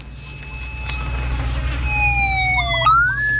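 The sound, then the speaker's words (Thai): A mine detector used by a Thai Border Patrol Police (BPP 12) EOD team clearing landmines and 155 mm artillery shells in a rice field in Sa Kaeo province on the Thai-Cambodian border gives a continuous electronic tone, steady at first, then sliding and jumping between two pitches near the end, over a low, constant background rumble. “ดังไหมพี่ว่าน่าจะเป็นทุ่นนะ ทำไมมันต้องมีสองเสียง”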